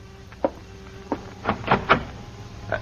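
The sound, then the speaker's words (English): Knocking on an apartment door in the evening: two separate raps, then a quicker run of three firm knocks and one softer final tap, with no voices. “And an hour later, someone knocks on the door of your apartment.”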